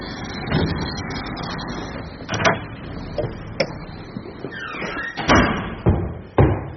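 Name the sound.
door opening and closing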